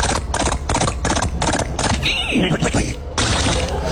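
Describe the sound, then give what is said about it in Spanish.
A voice imitates a galloping horse with a quick, rhythmic run of clip-clop bursts, then breaks into a wavering, neigh-like whinny before the galloping noise resumes, loud. “Venía yo montado en mi caballo, ¿verdad, acá?”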